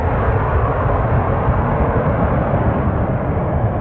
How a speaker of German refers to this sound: Leichtere und kleinere Flugzeuge können auch langsamer abheben.